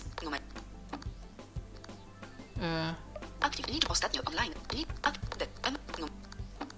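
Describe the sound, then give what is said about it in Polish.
Sharp, dry clicks of a computer mouse clicking preference buttons on a website repeat at irregular intervals, some in quick pairs, with a short humming tone rising partway through and faint background murmur. “Ja jeszcze spróbuję kliknąć w te przyciski od tych preferencji.”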